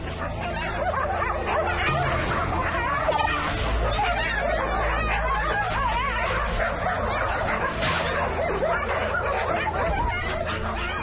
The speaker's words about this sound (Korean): 싸우고 있는 개들을 재빨리 떼어놓았지만 이미 다쳐서 피를 흘리는 강아지.